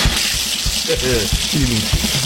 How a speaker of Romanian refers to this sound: dă drumul să curgă robinetul cu apă.